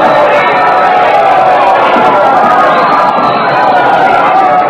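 A large crowd cheers and roars continuously in an ovation for Queen Elizabeth, who has just come out onto the castle balcony; a dense, loud wall of voices and applause-like noise with no pause or individual speaker standing out.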